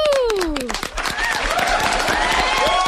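An audience claps steadily for about three seconds, a dense, even patter of many hands, with a falling whoop at the start and rising cheers or whistles over the applause.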